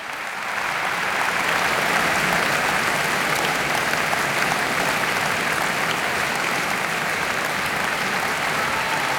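Sustained, dense applause from a large audience, steady and loud throughout after a quick swell at the start, with no voices standing out, following pianist Beatrice Arana's performance of Brahms's Piano Sonata in F-sharp minor, Op. 2.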